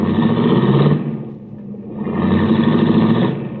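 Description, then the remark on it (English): A baby blue, right-hand-drive foreign convertible car's engine roars and pulls away into traffic, the sound dipping briefly before surging again as a steady, rumbling drive. No one speaks. “I watched Cookie's baby blue convertible cut out into the traffic.”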